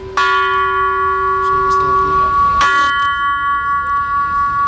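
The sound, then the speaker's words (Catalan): Two resonant strikes of prototype bells for the Sagrada Família, among the first three prototypes of the bells Gaudí began designing, one at the start and another midway, each ringing out with a long, sustained metallic hum of overtones that lingers and slowly pulses without fading away. “Així sonen els tres primers prototips de les campanes que va començar a dissenyar Gaudí per col·locar-les a la Sagrada Família.”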